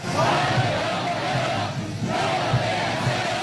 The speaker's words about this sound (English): Donald Trump stepping into a humid Beijing to the cheers of school children shouting warm welcome.